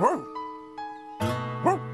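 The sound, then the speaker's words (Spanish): A dog, Clifford, barks in a quick series of about five sharp, mid-pitched yelps, the first and last loudest, over a steady background tone. “¿Por qué está ladrando Clifford?”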